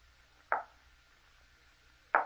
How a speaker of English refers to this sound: What's that? Listen. What was that? It sounded like someone at the door.